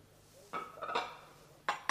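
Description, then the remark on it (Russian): Several bright clinks of china cups and dishes as tea is poured from a teapot: a cluster of light knocks, a brief pause, then two sharper rings near the end, with no one speaking. “Вон там чайник. Наливайте и согревайтесь.”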